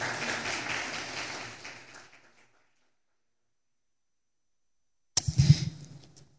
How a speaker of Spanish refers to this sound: Otro aplauso por Dios, al Señor, por favor.